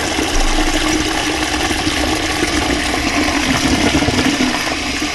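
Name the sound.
long toilet flush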